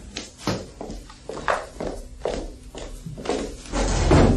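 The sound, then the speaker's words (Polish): A series of thudding footsteps, followed by a louder clattering rush of noise at the end as a door is opened. “Przepraszam, muszę otworzyć.”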